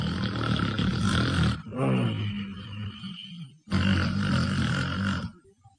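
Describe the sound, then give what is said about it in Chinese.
A performer imitates the loud, heavy snoring of a prince who has fallen asleep sitting hunched over: two long, rasping, rumbling snores with a short wheezing intake between them, prominent, with no other talk. “这王爷睡着了，打呼噜，在那坐着窝着磨喽。”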